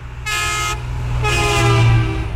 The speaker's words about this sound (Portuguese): E vários ouvintes já pediram aqui o buzinaço do caminhão. Acordem! E tem mais um.